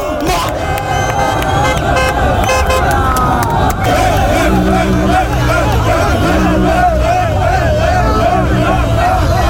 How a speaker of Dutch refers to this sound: Marokkaanse fans die gingen na de wedstrijd de straat op, onder meer in de wijken Overvecht, Lombok en Kanaleiland, en die waren natuurlijk blij.